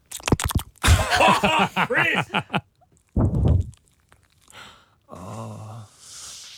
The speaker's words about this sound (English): It's my dog sleeping, by the way.